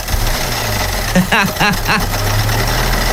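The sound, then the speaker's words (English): A car engine awaiting a mechanic runs with a rough, steady low drone and a gritty rattling knock throughout, while a voice briefly speaks over it in the middle. “It's like you put gravel in the lawnmower.”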